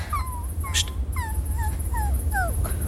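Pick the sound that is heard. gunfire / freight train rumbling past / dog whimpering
dog whimpering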